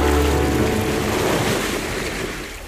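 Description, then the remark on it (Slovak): Steady rushing of waves lapping along the shoreline of a fjord, a broad continuous wash of water with some low wind rumble, fairly loud, easing slightly toward the end. “Kráčame pozdĺž fjordu. Vlny, stále tie vlny.”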